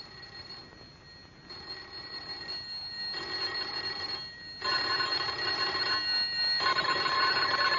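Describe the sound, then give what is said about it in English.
Electric doorbells on houses along a darkening street ring in a series of sustained, shrill buzzing bursts with short pauses between them, growing louder toward the end, with no voices. “Together they leave the house, go out into the darkening street to ring doorbells.”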